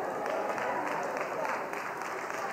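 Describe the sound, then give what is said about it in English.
Steady audience applause, a dense wash of many hands clapping at an even loudness, with faint crowd voices mixed in throughout. “Wait, don't clap yet, because your nets are going to strain to the breaking point.”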